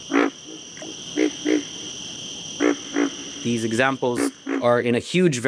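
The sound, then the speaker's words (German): Repeated frog calls pulse at a steady pace of about two per second, with a continuous high insect drone running underneath; toward the end another voice, likely human speech, joins in. “Auch Frösche bedienen sich oft eines Rhythmus von 2 Tönen pro Sekunde.”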